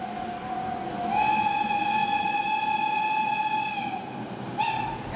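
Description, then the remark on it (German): A steam train's whistle sounds one long, loud, steady blast that dips in pitch as it ends, then a brief second toot, over a continuous rumble of the train passing. “Dampfzüge kommen nach Mülheim nur noch zu Jubiläen.”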